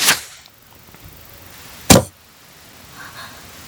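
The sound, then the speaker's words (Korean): An arrow shot from a bow, aimed at the neck of a creature, whooshes through the air in a quick opening rush. Moments later comes a sharp, loud swishing strike and a faint fading ring as the creature knocks the arrow away with its front paw. No one speaks. “그러고는 라투스의 목 부분을 조준하고 화살을 날렸다.”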